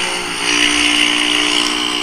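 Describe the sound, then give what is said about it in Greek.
A motorcycle engine roars on Ethnikis Antistaseos street in Vasileia, its loud, steady drone swelling slightly as it revs for a couple of seconds, with no voices present. “Ακούστε τη μηχανή.”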